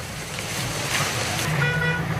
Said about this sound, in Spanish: Dirán ustedes, ¿qué es? ¿Es lluvia? No, es fuego, son llamas.